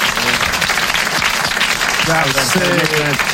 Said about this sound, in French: Vous l'applaudissez très fort. Bravo, l'abbé.